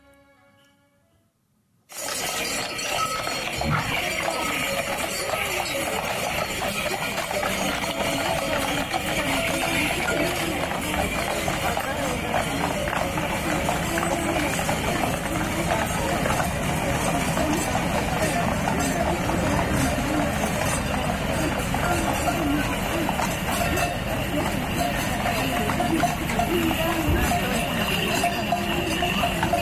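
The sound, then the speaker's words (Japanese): Horse hooves clip-clop steadily on a road amid constant jingling of many small bells at the Chagu Chagu Umakko horse festival in Iwate, Japan, in early summer, with murmuring roadside crowd voices underneath; the busy, dense sound starts abruptly after a brief quiet moment and continues throughout. “馬の蹄の音、沿道の気配、鈴の響き、岩手の初夏を彩る音の風景をどうぞお楽しみください。”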